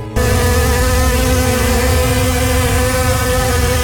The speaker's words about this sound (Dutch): Er zijn wel heel veel muggen. Ja, dit is een beetje aangezet, maar even voor het idee. Honderden muggen kwamen dat vliegtuig binnen vliegen.